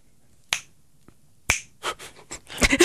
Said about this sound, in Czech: Líbilo se mi, jak jsi lusknul radši dvakrát.